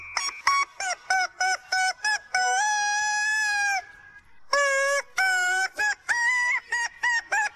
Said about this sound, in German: Wir haben euch heute Morgen wieder rätseln lassen und das Huhn ins Ohr quietschen lassen.